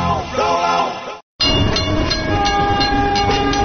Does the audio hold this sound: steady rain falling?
no